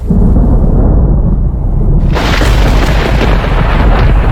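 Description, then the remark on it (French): Loud, deep thunder rumbles steadily through a storm, and about halfway through a harsher, crackling roar bursts in and carries on to the end. No voices are heard. “De gros nuages apparaissent dans le ciel, l'océan gronde, il y a des éclairs et le bruit du tonnerre, c'est la tempête.”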